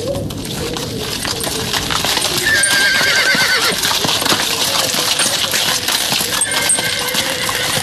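A horse-drawn carriage carrying Li Dazhao and his wife hurries back to Houzha Hutong, hooves clip-clopping in a quick steady rhythm, metallic jingles and a brief whinny rising over a constant rattling clatter, with no voices.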